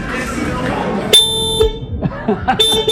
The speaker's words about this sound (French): Sébastien, il va appuyer sur le klaxon